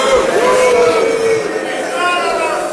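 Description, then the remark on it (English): A large crowd at the annual gathering of the Conservative Political Action Conference in Texas booing loudly and continuously, a sustained wash of jeering voices with sliding tones rising and falling over a dense background of chatter. “That's the crowd at the annual gathering of the Conservative Political Action Conference in Texas earlier this year.”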